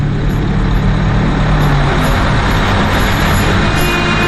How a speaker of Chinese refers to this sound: 这时，一辆大卡车开了过来